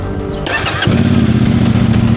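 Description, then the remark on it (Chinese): Police start a modified motorcycle with a non-factory exhaust, seized by the Shunyi traffic management detachment: the engine cranks briefly, then catches and settles into a loud, throaty idle with a deep, rumbling exhaust, with no speech. “大家可以听到它这个排气的声音是非常的大，这种车辆在行驶在路上的时候，只要你轻微的一给油一提速，这就是一个典型的飙车炸街的这种违法。”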